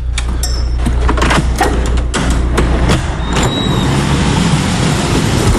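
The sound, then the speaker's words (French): A taxi pulls up with a steady low engine rumble, tire and road noise, and a few sharp mechanical clicks and knocks, ending in a brief high squeal like a brake. “La voiture arrive.”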